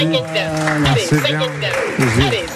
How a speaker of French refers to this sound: Allez, ah, bravo, on peut applaudir